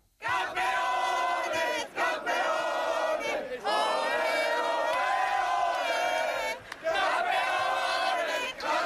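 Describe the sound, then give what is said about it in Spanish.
A large crowd in Madrid celebrating Spain's trophy win chants loudly in unison, a sustained, harmonic roar of many voices rising and falling in repeated phrases, with brief dips between bursts of celebratory shouting. “Este grito todavía no dejará de sonar por todos los rincones.”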